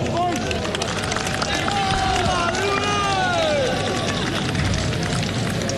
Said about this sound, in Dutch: Applaus daar in de zijde waar de hoekfans staan.